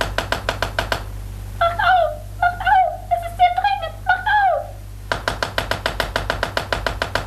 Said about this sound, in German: Lukas und Jim schliefen noch immer, erschöpft von der nächtlichen Reise, als sie plötzlich durch heftiges Pochen an der Tür des Palastzimmers, in dem sie untergebracht waren, aufgeschreckt wurden.